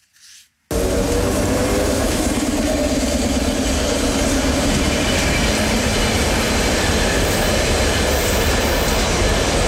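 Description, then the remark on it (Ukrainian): A Ukrzaliznytsia Kyiv City Express commuter electric train, running between Vydubychi station and Darnytsia station in Kyiv, runs on the rails, cutting in abruptly after a brief silence with a loud, steady rumble, faint wheel clatter and a low whining hum that holds throughout, with no voices. “Вісімнадцять додаткових міських електричок запускає «Укрзалізниця» на тлі російських ударів по мостах.”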